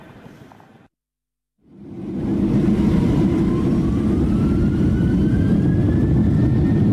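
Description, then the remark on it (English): Steady, loud airplane cabin drone during a less bumpy flight, a dense low rumble with a faint rising whine above it, fading in after a brief silence and holding constant with no voices. “We're on the plane again, a less bumpy flight”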